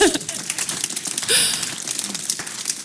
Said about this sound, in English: Okay, perfect. We got all the clapping out of the way.